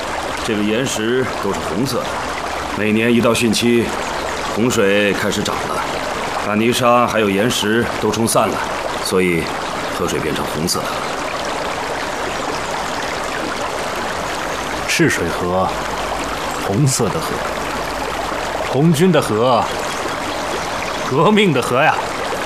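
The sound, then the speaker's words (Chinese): The clear Chishui River, the border river between Sichuan and Guizhou provinces in China, flows steadily throughout, a constant rushing wash of water beneath several people talking intermittently. “老董啊，你看这赤水河，这河水不是很清澈吗”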